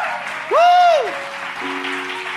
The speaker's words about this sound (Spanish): Vas a dar un fuerte aplauso al Señor.